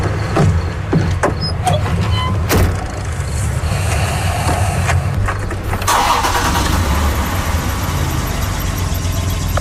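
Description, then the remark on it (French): A car engine is started on a cold day to run the heater. It cranks and turns over, then settles into a steady low rumble, with a few sharp clicks and a rising whir partway through. Fairly loud, with no talking. “Ce qu'on voit pas, c'est que quand il ouvre le moteur, il n'y a plus d'essence dans le char.”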